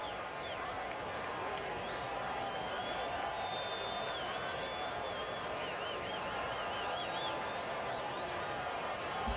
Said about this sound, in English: Pretty good crowd in Dallas, although it's a little hard to tell because they've closed up part of the stadium. It seems like the stadium has been undergoing a perpetual remodel.